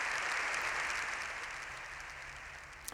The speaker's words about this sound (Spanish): León XIV ha salido del hemiciclo tras más de 7 minutos de aplausos y gritos de viva el Papa. Es la ovación más larga que se recuerda.